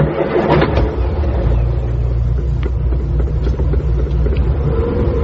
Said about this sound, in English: The car snorted at them sullenly as they drew away from the house.